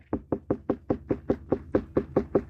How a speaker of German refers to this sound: Wenn es dunkel und hohl klingt, dann haben Sie eine reife Wassermelone. Ja, Klopftest, das ist das eine.